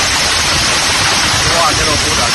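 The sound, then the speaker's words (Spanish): A dense, continuous roar of hard impacts as hailstones up to 5 centimetres across pound down on surfaces in Tarragona, loud with no pauses for the whole stretch. “Es, por ejemplo, el sonido ayer en Tarragona, donde cayó pedrisco de hasta 5 centímetros.”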